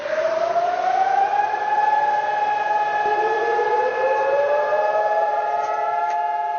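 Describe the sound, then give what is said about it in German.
A loud, sustained memorial siren wails steadily across Israel, its layered tones rising and holding with slight pitch shifts, echoing as if from several sirens sounding nationwide. “Einmal im Jahr ertönen in Israel landesweit die Sirenen.”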